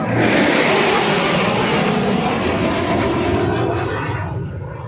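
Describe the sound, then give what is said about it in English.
A loud, sustained roar from a jet at the annual air show at the CNE on the last long weekend of summer, a dense rushing wall of noise that holds steady for several seconds before easing off slightly at the end. No voices. “The familiar roar of summer's end is back this weekend.”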